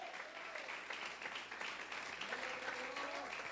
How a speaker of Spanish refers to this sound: Alabe a Dios y pues, dele un aplauso al Señor, hombre.